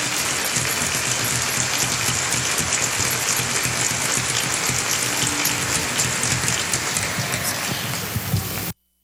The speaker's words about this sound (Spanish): Un aplauso bien bonito para este maravilloso trío.